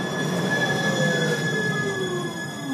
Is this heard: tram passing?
yes